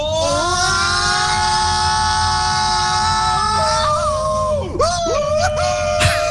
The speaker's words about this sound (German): schickt uns eine Sprachnachricht von eurem besten und lautesten Achterbahnschrei.